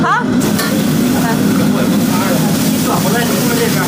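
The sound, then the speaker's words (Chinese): Kidney slices (yaohua) sizzle loudly as a chef stir-fries them in a wok over a roaring high-heat burner for about 18 seconds from wok to plate, a dense, steady hiss that fills the whole moment, with a person's voice talking briefly over the cooking noise. “从入锅到出锅真的几乎是18秒，所以才能够保证我们在吃到这个腰花的时候，口感既爽脆又嫩滑。”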